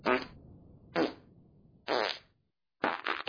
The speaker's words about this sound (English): This 3 seconds brought to you by Random Farts.